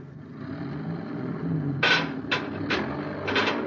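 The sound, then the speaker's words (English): A truck's engine rumbles low and steady as it pulls straight ahead to pull an Endurium beam out, with four short hissing bursts, like air releases, breaking in toward the end. No one speaks. “Tell that driver to move that truck.”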